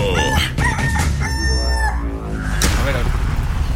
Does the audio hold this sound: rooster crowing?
yes